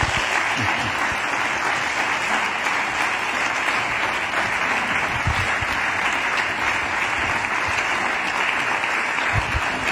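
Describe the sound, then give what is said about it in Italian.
Sustained audience applause for the trio Triada as they are invited onto the stage, a dense, steady wash of many hands clapping at an even loudness for about ten seconds, with no voices standing out above it. “Un applauso per la Triada.”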